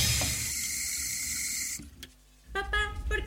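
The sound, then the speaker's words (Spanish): A tap runs into a sink with a steady rushing hiss for nearly two seconds, then stops abruptly; after a short quiet, brighter tonal sounds follow. “¿Cerrar la pila mientras no cepillamos los dientes?”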